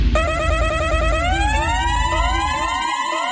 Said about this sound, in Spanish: ¿Qué indica esa bocina?